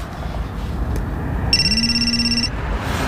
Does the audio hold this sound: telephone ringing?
yes